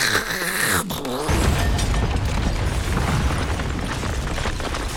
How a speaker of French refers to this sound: C'est le plafond qui est tombé sur la tête du voisin.